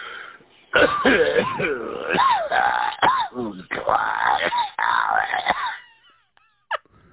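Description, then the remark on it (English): A telephone-quality recording of a listener coughing and clearing their throat in a long, raspy fit, with strained, groaning voiced sounds between the sharp bursts, then a brief final cough after a pause. “Whose cough is this?”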